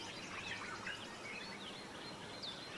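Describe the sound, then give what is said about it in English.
White-eared barbets call in a busy chorus of bright, high chirps and short trills that overlap over a steady background hiss, in the canopy at the top of tall trees in the morning sun. The calls are fairly quiet, and no one speaks. “It's at the very top of these tall trees, in the canopy, that flowers and fruit grow, attracting the many birds that come to warm themselves in the morning sun, like these white-eared barbets.”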